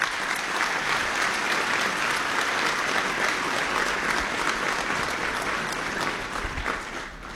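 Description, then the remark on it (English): A crowd claps steadily for several seconds for a guest from Heartland Housed, a group that works with the city to house homeless people; a dense, even wash of hand claps that holds loud throughout and eases slightly at the very end. “He is here today, and I would ask you to please give him a round of applause.”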